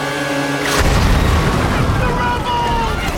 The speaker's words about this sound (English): A building above them explodes.